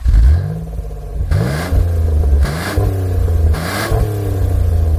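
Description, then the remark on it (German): A loud car engine revs hard several times, its pitch climbing and dropping in repeated surges with throaty bursts between them, no voices present. “Ja, aber eigentlich geht's hier nicht um ein Auto, so wie ihr gerade gehört habt, sondern um Traktoren.”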